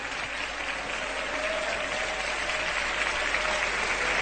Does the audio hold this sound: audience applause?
yes